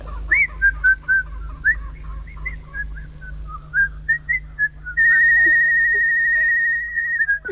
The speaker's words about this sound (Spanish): Ahora silba.